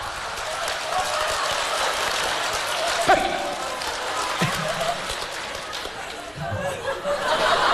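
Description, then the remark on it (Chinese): A crowd claps steadily and warmly throughout, a dense wash of applause with scattered voices and bits of laughter mixed in, plus a few dull thumps along the way. “哎，掌声热烈，给个来个大伙来个小绝活啥的。”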